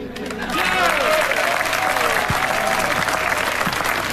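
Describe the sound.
An audience breaks into applause, a dense wash of clapping that swells within the first half second and stays loud and steady, with faint voices and a few cheers mixed in.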